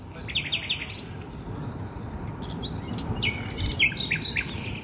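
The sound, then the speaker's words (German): A common nightingale sings in a city neighbourhood in early May, in bursts of rapid, repeated whistles and trills, set against a steady low rumble of urban background noise, likely traffic. “So klingen die Nachtigallen bei mir um die Ecke.”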